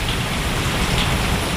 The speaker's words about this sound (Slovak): Takýto osviežujúci dáž, jasne, daj jedno aj druhé, oboje fajn. A ja by som brala ten dáž, lebo no. Už len ten zvuk vo mne vyvoláva pocit osvieženia.